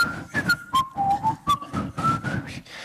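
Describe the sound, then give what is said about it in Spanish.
A crowd in Donostia (San Sebastián) whistles a slow, wavering soundtrack melody together, the tune rising and falling in steady phrases over a rumbling background of massed noise, with no voices speaking. “Un momento de verano azul en el cual todo Donosti silbará.”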